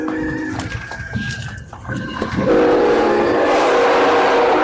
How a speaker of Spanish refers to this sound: Ahí vamos, mi Tommy, pitido del tren. Ahí está.